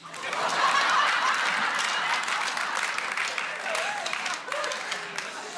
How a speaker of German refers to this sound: Sind wir welche mal klatschen, wenn es noch geht?